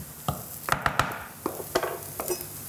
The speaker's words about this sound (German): Und jetzt kommt dieser dicke Mehl-Eierbrei in die Pfanne. So, nimmst du mal den Kochlöffel bitte raus.